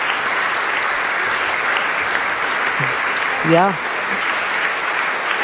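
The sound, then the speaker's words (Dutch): Sustained audience applause after a choir performance, as the voice groups, including the sopranos, come forward to take their bows, fills the whole clip, a dense, steady wash of clapping at even loudness, with a brief spoken interjection from one voice partway through. “En het applaus houdt natuurlijk aan.”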